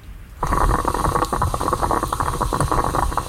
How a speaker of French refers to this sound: C'est une cafetière italienne, ouais. J'avoue, moi ça me procure beaucoup de plaisir.